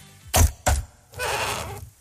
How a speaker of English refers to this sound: I think it's clicking the button to seal a bag on one of those sealers. So you click it and then it seals. It's the heat sealer, like the vacuum sealer.